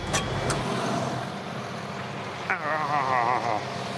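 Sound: tractor engine running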